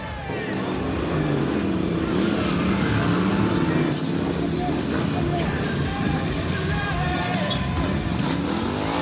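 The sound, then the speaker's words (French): Three motorcycles' engines roar around a track, a loud continuous drone whose pitch climbs and dips as the bikes rev and shift, with a rushing noise underneath throughout. “Là, je ramène la moto, on était trois.”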